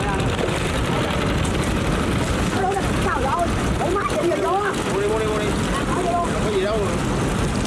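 A steady, rumbling drone of small boat motors as small boats weave through a wholesale floating market on the water. Wind noise and several people chattering are heard from midway on.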